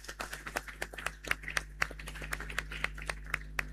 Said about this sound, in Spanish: Ahí le damos un aplauso a Las Quemas. Y también ha llegado de la comunidad de Salto Grande a acompañarnos con el Pasacalles, así que le damos un aplauso a la comunidad de Salto Grande de Las Quemas.